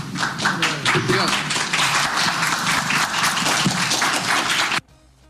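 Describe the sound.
Journalists at a press conference give a standing ovation to Bubista, applauding steadily for about five seconds, dense overlapping claps with some voices mixed in, then it cuts off abruptly.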